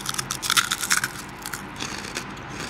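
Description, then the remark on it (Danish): Loud crunching of a crispy sea-salt fish-skin chip being bitten and chewed, a quick burst of sharp crackly bites early on that settles into softer, steady munching. “Det knaser rigtig meget.”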